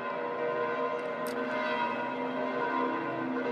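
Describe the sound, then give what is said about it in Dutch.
The large bells of Saint Peter's Basilica in Rome ring together on the feast of Pentecost in a dense, sustained peal, their overlapping tones blending into a steady wash of low and bright harmonics with no voices. “En zo horen wij de klokken van de Sint-Pietersbasiliek op dit mooie hoogfeest van Pinksteren.”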